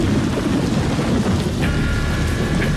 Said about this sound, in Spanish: Diluvia en Buenos Aires. En un rato se hizo de noche y empezó a caer abundante agua. En algunos lugares se registra granizo.